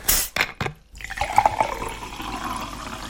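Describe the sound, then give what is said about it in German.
A drink is poured steadily into a glass after a couple of brief knocks, the gurgling stream continuing and gradually settling as the glass fills. “Jetzt mache ich mir erstmal was Leckeres zu trinken.”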